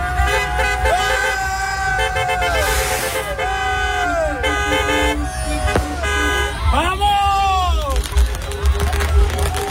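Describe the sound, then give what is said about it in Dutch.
Many car horns honk repeatedly and overlap in a busy street in Enschede as Spanish fans celebrate Spain's 1-0 World Cup final win over Argentina, long blasts mixed with short toots over traffic rumble, with faint voices and shouting. “Die gingen daar toeterend de straat op.”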